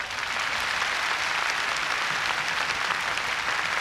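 An audience at a bilingual English and Spanish church service applauds steadily in praise of the Lord, a dense, even wash of many hands clapping at a constant loud level throughout, with no talking over it.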